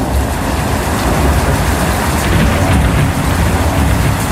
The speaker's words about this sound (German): Bei Spotify gibt es sogar eine extra Playlist, nur mit Blitz und Donner.